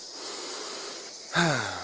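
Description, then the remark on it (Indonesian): Steady hissing forest ambience, then one loud monkey call bursts in near the end, a harmonic, throaty cry that slides downward in pitch and trails off. No one speaks. “Adik-adik, suara apa ya yang barusan kita dengar? Suara monyet, Kak.”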